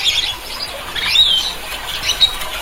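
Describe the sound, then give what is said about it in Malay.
Red-and-blue lory (Talaud lory, locally called sampiri or nuri talaud) calls. This large bird, up to 31 cm long, is endemic to the Talaud Islands Regency, Sulawesi. Three bursts of harsh, raspy, high-pitched screeches at moderate volume, with short squeaky notes and no talking. “Kicauannya yang terdengar parau atau agak kasar dengan volume yang sedang dan bernada pendek.”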